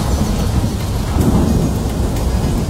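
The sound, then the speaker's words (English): A steady wash of heavy rain fills the scene while a deep, rolling thunder rumble swells in the middle and fades. Loud, with no voices. “When summer storms roll in, power outages can happen without warning.”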